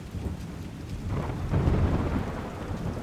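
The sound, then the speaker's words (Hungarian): Steady rain hisses continuously while a deep rumble of thunder swells in the middle and fades. There are no voices, just the wet, even wash of a downpour. “De beborult, hűvös lett, és esni kezdett az eső.”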